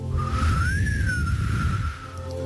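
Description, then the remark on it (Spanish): A single sustained whistle, sent on Sundays by the principal officer of a prison cell block as a signal that it was time to worship, rises gently in pitch, then holds steady for about two seconds, clear over a low rumbling background. “y todos los domingos, el oficial principal de cada bloque de celdas enviaba un mensaje a través de un susurro. Era un silbido.”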